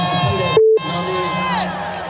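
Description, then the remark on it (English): A loud concert crowd cheers and shouts steadily throughout a performer's set at a music show, with the performer's amplified voice giving a shout-out over the noise and a short beep tone briefly cutting in near the start. “And as it started playing, I just remember, y'all made some noise with my nigga Pup Dog in this motherfucker.”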